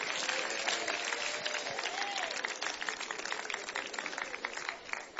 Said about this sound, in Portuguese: Bem alegre, bem forte, aplausos para Cristo.